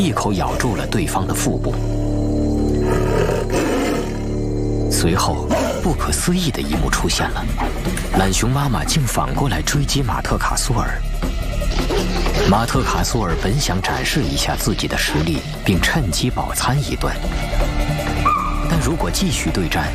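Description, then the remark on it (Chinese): A Bengal tiger, Matkasur, and a mother sloth bear protecting her cubs fight in the heat by a pond, trading loud, harsh roars and snarling growls that overlap almost without pause, rough and throaty throughout. “酷热和懒熊妈妈的顽强攻势逐渐瓦解了马特卡苏尔的斗志，他被懒熊妈妈反复多次驱赶到水塘里，咆哮声、飞散的毛和鲜血以及飞扬的尘土混杂在一起，胜负还没有最终决出。”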